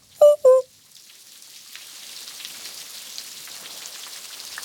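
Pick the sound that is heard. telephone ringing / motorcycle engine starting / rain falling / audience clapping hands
rain falling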